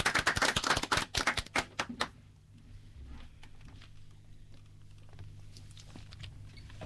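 A burst of audience applause, loud and dense for about two seconds, then quickly thinning to a few scattered claps over a low steady hum.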